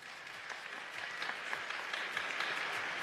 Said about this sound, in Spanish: Aplausos para Amanda de Prate.